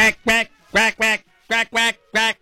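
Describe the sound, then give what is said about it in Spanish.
A duck wearing a Mexico football jersey quacks loudly, seven nasal, buzzy quacks in quick pairs and a final run of three, with no talking. “Cuac, cuac. O sea, la pasión por nuestros colores no distingue especie.”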